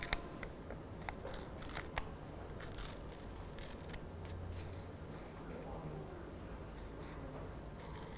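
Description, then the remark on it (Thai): Paper being slowly torn into strips by a teacher pulling her hand toward herself, a steady dry rasping with a few sharp crackles near the start, continuing for several seconds with a faint voice underneath. “ก็ฉีกกระดาษนะคะเป็นเส้นนั่นเองค่ะค่อยๆฉีกเลยดึงมือเข้าหาตัวเองแบบนี้นะคะ”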